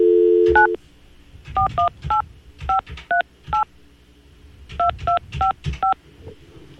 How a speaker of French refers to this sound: Je vais juste tasser le bac à tirage et on va composer le numéro de téléphone pour la rejoindre.